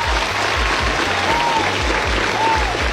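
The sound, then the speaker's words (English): A crowd claps steadily for a few seconds, a dense wash of overlapping hand claps at even volume, lively, with no one speaking over it. “Battez la main pour vous, les gars.”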